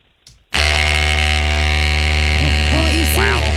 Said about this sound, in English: Is it an electric toothbrush? It is an electric toothbrush. No. There it is. Oral-B electric toothbrush, the same one that I've been using for the last 5 years. Very nice. Let's hear it again.